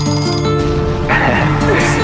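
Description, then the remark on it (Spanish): An alarm clock rings with a steady, bright metallic bell tone that grows louder and more insistent about halfway through, with voices faintly underneath. “Suena el despertador, porque comenzamos la mañana en tu .7.”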